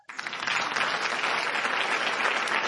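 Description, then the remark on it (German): A crowd claps steadily for the whole stretch, dense and sustained applause that starts abruptly and holds an even, fairly loud level with no voices standing out. “Selten war ein Applaus so verdient wie für Sie”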